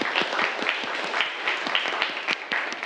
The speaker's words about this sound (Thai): ปรบมือให้เพื่อนด้วยครับนักเรียนนะครับ